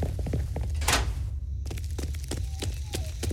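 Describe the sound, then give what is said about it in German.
A single muffled, boomy blast as an explosive detonates inside a mailbox outside a post office, over a steady low rumble, followed by scattered small clicks and rattles like settling debris. “Da muss jemand einen Sprengkörper reingeworfen haben. Und der ist dann im Briefkasten explodiert.”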